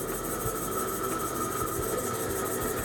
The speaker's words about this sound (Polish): O, teraz. O! No, dość solidnie. No, dość solidna ta wibracja jest.